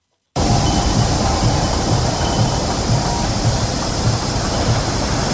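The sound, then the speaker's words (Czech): A steelworks rolling mill at Třinec Ironworks (Třinecké železárny) runs with a loud, unbroken industrial roar, a regular low rumbling pulse repeating underneath and a faint high whine on top. No voices. “I hutní provoz, stejně jako hudba, má svůj pravidelný rytmus.”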